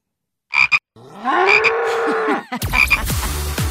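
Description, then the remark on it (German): A couple of short frog croaks, then a long, loud cow moo, followed by more croaking over a rough, noisy background. Prominent, with no talking. “Kühe sind deine Angst, würde ich sagen. Und Frösche meine”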